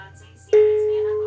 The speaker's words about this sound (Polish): Ale teraz zadzwonię na komórkę od drugiego operatora. Dzwonek, głośność ustawiona na 100%. Jest taki sygnał.